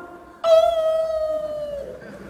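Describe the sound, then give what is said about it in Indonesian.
A single dog howls in one long, drawn-out note that slowly sinks in pitch, loud, rising abruptly out of a quiet background and then fading. “Kenapa kalau azan berkumandang suara anjing melolong?”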